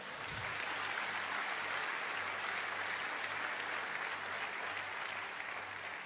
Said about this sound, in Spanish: ¿Cuánto dan un aplauso al Señor?